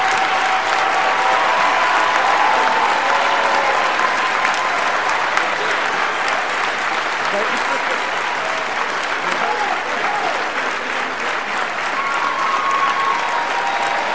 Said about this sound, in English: They played their heart out on the field. And they're here with us today. If everyone to give a big warm round of applause for some of our young men.